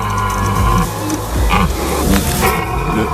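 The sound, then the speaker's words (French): A red deer stag bellows during the rut: a deep, rough roar rumbles low and loud, repeating in drawn-out groans over about three seconds, with no talking. “Ah, le cerf qui brame.”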